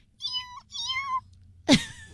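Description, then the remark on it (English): A tiny kitten gives two thin, high-pitched meows in quick succession, then a short, sharper cry, with no talking. “It's a little kitten that's so tiny.”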